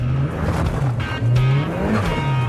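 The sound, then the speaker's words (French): A modified Mazda MX-5 sports car of about 300 horsepower drives past with a loud, steady engine drone whose low pitch rises and dips, with brief harsh bursts of tire noise and no voices. “Une MX-5 standard a une centaine de chevaux, non?”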